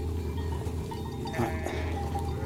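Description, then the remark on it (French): A flock of ewes bleating together outdoors on a ridge around the summit, guided by a woman and her dog, several overlapping calls rising over a steady background rumble, with one louder bleat near the middle standing out from the rest. “et son chien qui guident et déterminent les déplacements des brebis.”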